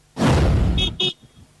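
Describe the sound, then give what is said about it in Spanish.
A car horn gives two quick toots as a greeting to Río Bueno, right after a loud rush of passing traffic, fairly loud, then the street falls quiet. “La bocina indica que saludan a Río bueno”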